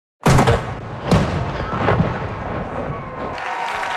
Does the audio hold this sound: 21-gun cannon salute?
yes